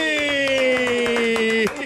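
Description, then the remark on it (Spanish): Scattered hand claps sound throughout, crisp and fairly steady, under a loud sustained tonal cheer or drone that slowly sinks in pitch and cuts off near the end. “¡Aplauso para”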